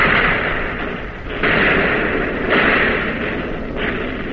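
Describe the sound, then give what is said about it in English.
Heavy naval gunfire from a warship firing on target while being hit: a loud, continuous roar of noise punctuated by about three strong, booming bursts at uneven intervals, with no voices. “You're on target again and firing, but not as fast, not as smoothly, and you're getting hit.”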